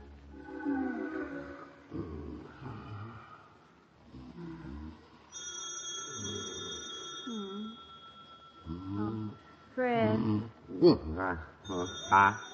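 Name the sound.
telephone ringing at night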